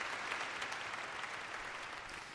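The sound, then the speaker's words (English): A large crowd applauds enthusiastically after a concert performance, a dense, continuous roar of many hands clapping at once, steady and loud throughout with no voices standing out. “Isn't that just rapturous applause there?”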